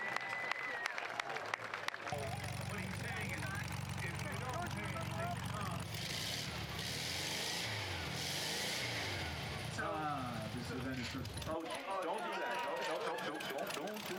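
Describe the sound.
A car engine rumbles low and steady for several seconds, then abruptly cuts out as the car stalls at a car show, with crowd noise and voices chattering throughout.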